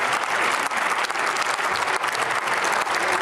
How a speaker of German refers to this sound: Wenn ich so etwas einmal besonders hervorhebe, auch wenn es in Ihrer Zeit entstanden ist, dann müssten Sie doch eigentlich Beifall klatschen, statt hier mit ständigen Zwischenrufen versuchen zu stören.